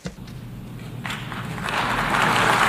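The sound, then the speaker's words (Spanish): Applause from the Assembly audience as Donald Trump, President of the United States, enters to address the Assembly. It builds over a couple of seconds, starting faint and swelling into a steady, dense wash of clapping that grows louder toward the end. “Como ven también los sicarios le aplauden cuando entra este mentecato.”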